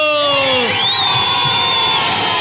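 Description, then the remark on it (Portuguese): A loud crowd cheers and whoops together, applauding everyone who guessed correctly, with sustained shouts and a rising whistle-like cry over a dense bed of audience noise. “Palmas pra todo mundo.”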